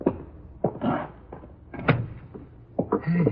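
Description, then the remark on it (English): A door is opened: a few sharp knocks and clunks of the latch and hinges, followed by a short scraping creak as it swings, with no voices. “Door's open. Go in.”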